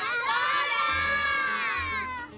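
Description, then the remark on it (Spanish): A group of children shout together loudly and at length, a sustained, high-pitched collective call, yelling the name of a visiting flamenco dancer so that she appears, energetic, with no other sound beneath. “La llamamos todas juntas, gritamos súper fuerte su nombre para que aparezca.”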